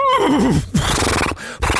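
A horse lets out a loud, wavering whinny that starts high and trembles downward, followed by a couple of snorting, breathy bursts.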